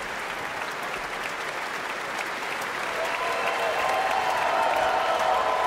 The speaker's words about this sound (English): The audience here in Marian Anderson Hall at the Kimmel Center for the Performing Arts is still cheering for this terrific performance.